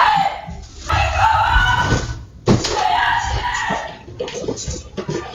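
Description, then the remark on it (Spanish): A woman screams loudly in two long, strained bursts, recorded by a home security camera as she realizes burglars are in the house; the sound is harsh and slightly muffled, with a sharp thud between them. “Así lo ha contado en sus redes sociales, donde ha compartido también la imagen de las cámaras de seguridad que recogen sus gritos al darse cuenta de que había ladrones.”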